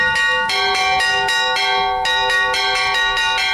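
Church bells ring in a full peal, overlapping strikes tumbling in rapid succession with bright, sustained ringing tones. Loud, with no voices present.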